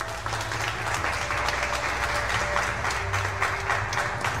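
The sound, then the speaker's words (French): Sustained audience applause, a dense steady wash of many hands clapping, loud and continuous for several seconds with no voices standing out; the audience applauds to thank the collaborators and partners who run an arts platform. “Vous pouvez les applaudir, bien sûr, comme pour leur dire merci.”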